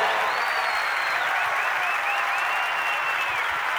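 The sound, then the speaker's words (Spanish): Steady, dense audience applause fills the whole stretch, a continuous wash of many hands clapping at an even loudness, with a faint whistle rising above it at times. “Quiero, fuerte el aplauso.”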